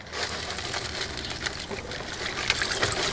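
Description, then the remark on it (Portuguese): Caustic soda being stirred into water, about 1 kilogram per 3 litres: steady sloshing and swirling of liquid, a continuous watery churn with small splashes and occasional clinks, no voices. “Junto a isso, a gente vai agora pegar a soda cáustica e vai misturar naquela água que a gente tinha reservado.”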